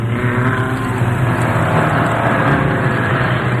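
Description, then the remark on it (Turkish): A car engine roars steadily at full throttle on a road beside a cliff, a loud, continuous droning rumble with a strong low-pitched hum throughout and no voices. “Sıkı tutun baba. Sonuna kadar gaz veriyorum.”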